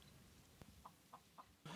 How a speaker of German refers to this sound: Bei den Nachbarn gegenüber wartet das Huhn auf Futter.